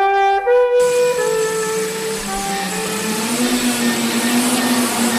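After a brief held tone, a dense chorus of small electric motors and propellers whirs up, a steady loud buzzing whine with several pitches slowly rising as they spin faster.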